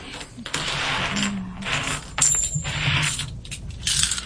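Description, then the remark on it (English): Loose coins that spilled from a hole in a bag clink and scrape together in busy, irregular bursts as they are gathered up by hand, fairly loud, with bright metallic rattles and no talking. “Yeah, there was a hole in the bag. So let me gather them up, and we will do the 90% silver coin.”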